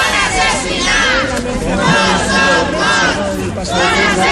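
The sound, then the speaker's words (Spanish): Relatives of victims of the DANA floods, gathered at the doors of the Parliament as former president Carlos Mazón appeared, chant 'no son morts, son assassinats' ('they are not dead, they were murdered') in unison, loud and sustained, their rhythmic shouting rising and falling in waves with a dense babble of voices underneath. “Al grito de no son morts, son assassinats, no son muertos, son asesinados, familiares de las víctimas se han concentrado a las puertas del Parlamento justo cuando comparecía el expresidente”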